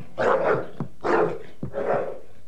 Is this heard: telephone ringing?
no